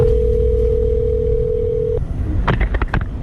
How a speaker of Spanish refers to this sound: Esta llamada que realizó este vecino al 112 la tenemos y la vamos a escuchar